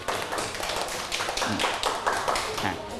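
A class in a maths lesson on even numbers claps for a pair of students who matched 14 ice-cream sticks into pairs, a quick, dense patter of overlapping claps, sustained steadily for a few seconds with some voices mixed in.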